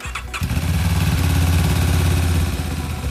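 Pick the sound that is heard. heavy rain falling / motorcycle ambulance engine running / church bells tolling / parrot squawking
motorcycle ambulance engine running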